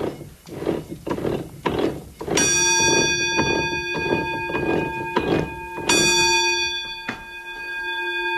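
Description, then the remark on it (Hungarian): Rhythmic wooden knocking of water mill machinery, joined twice by a bright ringing alarm bell on the mill's roller frame that sustains and slowly decays over the steady clatter, fairly loud, with no talking. The bell rings when the mill runs empty. “A malomnak a hengerszékein van egy csengő, ugye, és az, amikor üresen ment a malom, az csengetett.”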